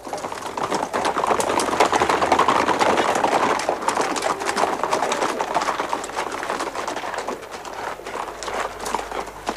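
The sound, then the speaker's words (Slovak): Many horses' hooves clip-clop in a dense, continuous clatter, loud, with no clear pauses, like a group moving quickly over hard ground. No one speaks. “Kone doprostred a všetci políhať dookola.”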